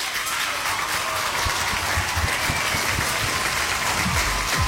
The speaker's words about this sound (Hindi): तो सबके लिए तालियां।